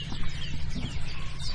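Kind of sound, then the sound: bird, wren singing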